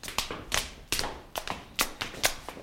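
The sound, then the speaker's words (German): Footsteps climbing stairs up into a knights' hall, a steady series of about seven crisp, hard-soled steps at a brisk walking pace, clear, with no voices. “Wir steigen jetzt die Treppe hinauf in den Rittersaal.”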